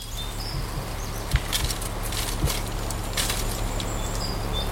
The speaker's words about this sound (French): Non, il n'y a pas beaucoup de vent, c'est la rivière. Oui, c'est la rivière.